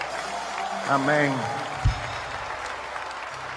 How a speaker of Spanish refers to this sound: Vamos, dale un aplauso sobre tu cabeza al Rey de Reyes y al Señor de Señores. Más fuerte ese aplauso al Rey.